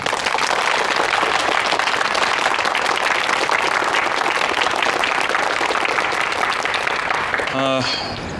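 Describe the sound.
Warm, sustained applause from an assembled group, loud and steady for several seconds before tapering as a man's voice begins to speak at the very end.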